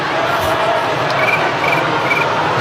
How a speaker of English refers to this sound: Sound effects. He's got a good cricket sound effect.